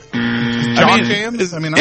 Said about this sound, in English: But I hit the buzzer, so you missed it.